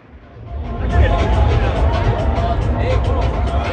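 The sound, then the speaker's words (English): Busy outdoor crowd chatter of fans at a World Cup tailgate in the car park outside the Philadelphia stadium before Brazil played Haiti: many voices overlapping at a steady loud level with a low rumble of vehicles underneath, fading in quickly at the start. “experience a World Cup tailgate in the car park outside the Philadelphia Stadium before Brazil met Haiti”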